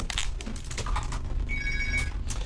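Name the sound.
telephone ringing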